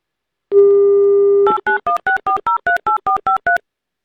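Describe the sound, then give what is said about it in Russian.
A steady dial tone hums for about a second, then gives way to a quick run of about ten short, evenly spaced touch-tone beeps, each a two-pitched electronic chirp, loud and with no voices, as a call is dialed to a game contestant in Moscow. “Давайте будем звонить.”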